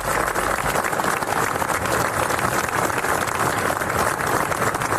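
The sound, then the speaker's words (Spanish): Long, sustained applause from a large crowd ending a minute of silence, led by the president of the Generalitat, Salvador Illa, in memory of boys who died in an accident; a dense, steady wash of clapping that holds at an even level throughout without pause or voices standing out. “El acto, encabezado por el presidente de la Generalitat, Salvador Illa, ha concluido con un largo aplauso en recuerdo de los chicos.”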